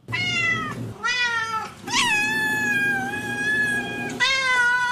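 Cats meow loudly in a string of long, drawn-out, wavering cries, several overlapping calls with no talking. They are Tay-Tay's cats, of which she has three.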